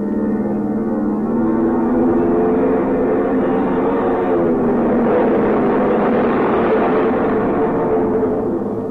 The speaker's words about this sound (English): The plane finally turns around in a half circle into the wind. The pilot guns the engines for a few seconds, and then the plane rushes down the runway towards you.